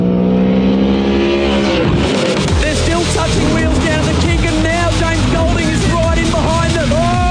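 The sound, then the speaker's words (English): Supercars race car engines rev loudly, several overlapping at once, their pitch repeatedly climbing and dropping in sharp sweeps as the cars accelerate and shift, a continuous roaring blur of motors. “Get your engines ready. Welcome to SEN Supercars.”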